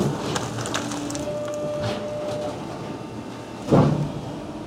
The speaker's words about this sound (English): And then as the machine is getting filled, you're going to hear it's compressing the cardboard and turning it into that baled product.